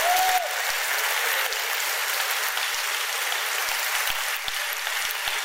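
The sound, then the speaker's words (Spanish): Sustained applause from a crowd, a dense steady wash of many hands clapping at once, fairly loud and continuous for the whole stretch, with no voices over it. “Si quiere aplaudir, apláudalo hasta que se te caliente las manos, así es.”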